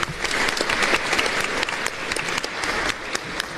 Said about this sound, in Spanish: Muchas felicidades también a todos los papás en su día. Un aplauso fuerte para ellos.